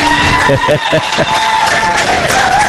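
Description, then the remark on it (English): A crowd at the live Reb Talk show applauds loudly and steadily for Coach Pete Golding, a dense wash of clapping and cheering that continues throughout, with a voice briefly calling out over it near the start. “Y'all can give him a round of applause.”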